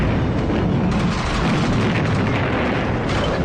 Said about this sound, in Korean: 등군과 주부가 산마루 위에 올라서서 전장을 살펴보고 있을 때 남쪽으로부터 대포 탄알이 날아왔다.